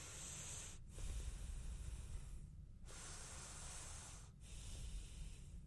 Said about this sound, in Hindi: आपको पता है प्रोग्राम की शुरुआत होती है एक हेल्दी रिचुअल के साथ, which is deep breath exercise, psychologically, emotionally and physically healthy रखता है हमें। तो आइए सबसे पहले वही करते हैं।